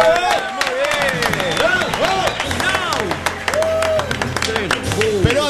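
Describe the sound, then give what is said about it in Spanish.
Steady applause from a crowd fills the whole stretch, dense clapping mixed with voices calling out and cheering over it, fairly loud, during a Cadena 3 radio broadcast celebrating the station's birthday. “Preparen los aplausos.”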